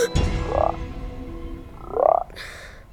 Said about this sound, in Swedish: 2 grodor. Var kom de ifrån? Flytta på er, inte tid med er nu. Bort.